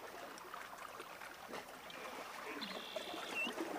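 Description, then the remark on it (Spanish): Gentle, steady flowing water of a stream, a soft continuous rushing and trickling, fairly quiet, with a faint high whistle briefly rising above it near the end. “Porque cuando el viento baja su intensidad, aparece otro paisaje sonoro, el sonido de las aves, el movimiento de los animales y en determinados sectores, el agua.”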